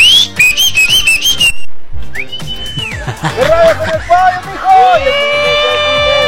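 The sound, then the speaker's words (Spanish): A person whistles a wavering, sliding melody, with bright pitch bends and trills, while voices and crowd-like chatter rise in the background partway through. “¡Ya chiflas otra vez”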